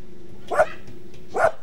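A dog barks twice, two short, sharp woofs spaced under a second apart, over a faint steady hum with no one talking.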